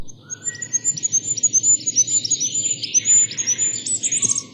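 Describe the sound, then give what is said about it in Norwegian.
A goldcrest, a tiny bird about 9 centimetres long, sings a rapid run of very high, thin, repeated notes that rise toward a brief flourish at the end, clear over a faint low background hum. “Men en fuglekonge!”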